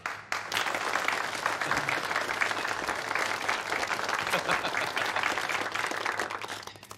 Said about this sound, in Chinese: 现在，让我们以热烈的掌声，有请日本环球会社的社长广田先生。